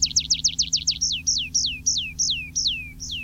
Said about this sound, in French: Alors, un autre oiseau qui est bien typique aussi de ces milieux de forêt ou de clairières coupées à blanc avec des arbres qui restent, c'est le pipit des arbres.